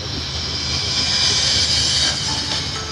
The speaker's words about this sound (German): Das Ganze bei Sonnenschein. Ja, an der Elbe. Standort. Wir hören die Elbe rauschen. Ein paar Schiffe ziehen auch vorbei.